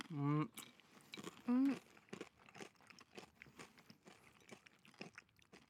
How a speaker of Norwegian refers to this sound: Så kan vi gå til venstre. Det er da Eldoradoen. Det skal være Eldorado. Det er fra der med tyggelyder. Jeg merker at jeg smaker mer av kjeksen fortsatt.